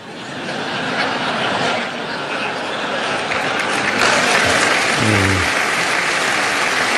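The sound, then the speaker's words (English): A crowd claps steadily for about seven seconds, a dense, even wash of applause that swells slightly midway, with a brief voiced sound rising out of it near the end. “Somebody hold up the applause sign.”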